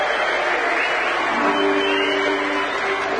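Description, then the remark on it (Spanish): Loud, sustained applause from a large audience bidding farewell to the President of the Nation, Javier Milei, a dense continuous patter of many hands throughout, with a faint steady tone rising under it about halfway through. “Agradecemos y despedimos con este aplauso al señor Presidente de la Nación, doctor Javier Milei.”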